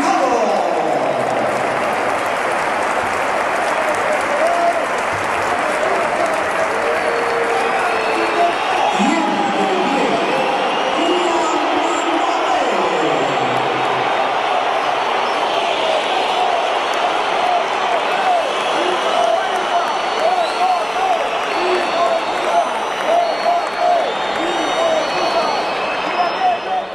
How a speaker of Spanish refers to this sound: Pitos, insultos, se iba Gonzalo, por eso los primeros aplausos, situamos, y entraba Kylian Mbappé.